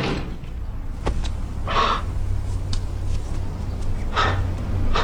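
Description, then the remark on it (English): A door opens without a knock, with a faint click, followed by two breathy, whooshing swishes a couple of seconds apart over a low steady hum. No one speaks. “Doesn't anybody knock anymore? No, they don't, actually.”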